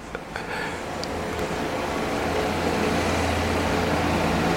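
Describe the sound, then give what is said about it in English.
A loud car engine roars outside, a low rumbling drone that builds steadily as the vehicle passes by, with no voices over it. “Oh, someone's just gone past in a loud car.”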